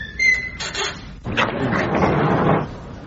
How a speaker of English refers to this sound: You be the last in and close the door behind you. Very well, sir.